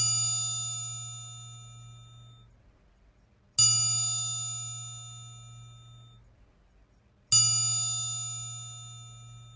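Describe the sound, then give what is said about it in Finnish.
Church bells mark the end of a Sunday school of the Oulu parishes, after a candle is put out: a bell strikes three times at slow, even intervals, each ring loud and bright with a long shimmering decay and a low hum beneath. No voices accompany it. “Nyt sammutan kynttilän ja kellot soittavat pyhäkoulun loppumisen merkiksi.”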